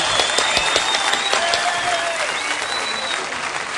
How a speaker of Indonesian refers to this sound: Beri tepuk tangan untuk grup Hadroh Pemuda Karang Taruna.